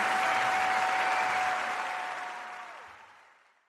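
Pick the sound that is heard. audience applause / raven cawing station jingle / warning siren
audience applause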